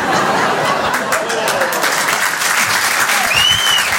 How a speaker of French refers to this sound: Là, c'est les provinciaux qui applaudissent. Parce que je vois le regard des parisiens.